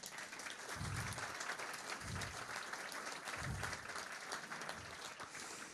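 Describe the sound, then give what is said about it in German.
An audience claps steadily for several seconds to welcome guest author Markus Benzmann, at an event recorded by Offener Kanal Salzwedel; a dense, even patter of many hands with a few low thumps mixed in, loud and sustained throughout with no talking. “Und ich finde, das ist auch mal ein Applaus wert, dass er hier ist.”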